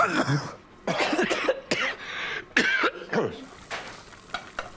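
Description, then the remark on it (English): Several sharp coughs caused by chilli fumes while chilli sauce is being made come in irregular bursts, some paired together, over a faint steady hiss like something sizzling in a pan. “You're not coughing.”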